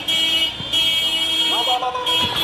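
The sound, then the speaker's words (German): Horns of pickup trucks carrying soldiers with shouldered rifles blare in a steady, sustained drone with brief dips as they drive through the streets of Mekele, capital of Tigray, Ethiopia, layered with street noise and overlapping voices and shouts in the background, loud. “Soldaten mit geschulterten Gewehren lassen sich auf hupenden Pickup-Trucks durch die Straßen von Mekele fahren, der Provinzhauptstadt von Tigray.”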